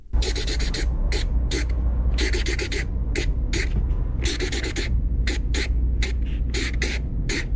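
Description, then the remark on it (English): A marker scratches rapidly across paper, scratching out a song for listeners to guess, in rhythmic bursts of short, squeaky strokes, some clustered, some single, over a steady low background rumble. “So he's scratching and on paper song, with a marker.”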